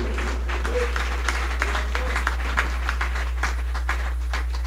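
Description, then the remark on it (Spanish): A crowd applauds steadily for the strong King of Kings, a dense wash of many hands clapping at a moderate level, with sharper individual claps standing out now and then over a low steady hum. “Dale un aplauso al fuerte Rey de Reyes.”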